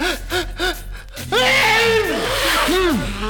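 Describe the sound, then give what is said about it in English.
A voice imitates a furious sneeze by the wolf in Little Red Riding Hood, set off by flowers: three quick, rhythmic gasping inhales, then a loud, hissing burst with strained, wavering vocal cries trailing after it. “But the minute Red Riding Hood brought the flowers to him, he began to sneeze furiously.”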